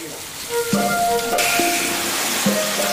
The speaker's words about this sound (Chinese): 鱼煎一下是吗？太香了，闻到鱼的香味了。 将鱼煎熟之后，无需复杂的调料，调味的事情就全部交给这一勺淳安土酱。